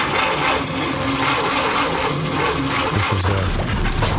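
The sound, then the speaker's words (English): The engine of an old car taken for its NCT test runs steadily and loudly for a few seconds, a rough, continuous rumbling drone with a gritty, rattly texture and a slight shift in tone near the end. “This is her trusty motor car.”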